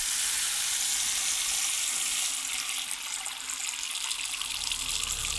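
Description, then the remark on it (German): A tap runs steadily, a continuous hiss and splash of water pouring into a sink at an even, fairly loud level, with no voices, as someone holds their head under the tap. “Deinen Kopf, aufgepolstert von der Heizungsluft, hältst du unter den Wasserhahn.”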